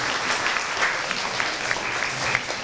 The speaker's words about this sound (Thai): เอาละครับขอเสียงปรบมือให้กับตัวแทนกลุ่มที่3ด้วยนะครับ